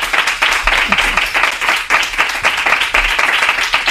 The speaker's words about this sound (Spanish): Un aplauso para María Teresa Andreu.